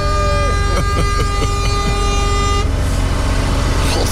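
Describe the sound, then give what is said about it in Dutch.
A loud truck air horn blares without a break for several seconds, its steady, brassy tone held down, with a bit of rumbling noise around it. “Gewoon die toeter even 30 snoepen inhouden.”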